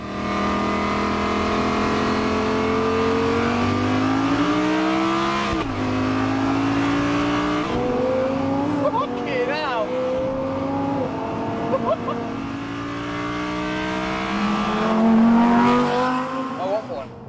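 A powerful Lamborghini sports car engine revs and accelerates, its pitch climbing and dropping through several gear changes, loud and continuous throughout, with a brief tire squeal.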